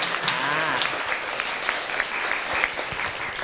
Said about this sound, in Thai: ถ้าอย่างนั้นขอเสียงปรบมือดังๆให้กับผู้นำของเราหน่อยครับ